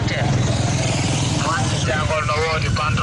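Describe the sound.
Motorcycle taxi engines rumble steadily in dense street traffic in Diaoubé Kabendou ahead of Tabaski, a continuous buzz with a pulsing low drone, while people talk over the noise in the second half.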